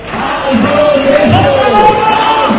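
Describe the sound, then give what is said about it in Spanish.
A crowd of protesters in Madrid, marching on a rainy Friday morning from Sol toward the Congress with signs for decent housing, shouts and chants in sustained, overlapping voices, with a bright, constant jangle of shaken house keys mixed into the loud roar. “Llevan carteles reclamando la expulsión de fondos buitre, una vivienda digna, agitan entre gritos las llaves de casa.”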